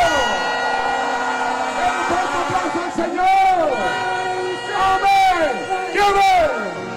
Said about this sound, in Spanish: ¡Un grito de júbilo!